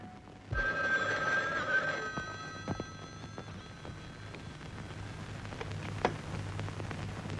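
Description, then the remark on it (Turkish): A telephone rings in a single bright, tonal burst lasting about a second and a half, then fades out, leaving a low steady hum with a few scattered clicks and knocks. “Şimdi eve telefon edeceksin.”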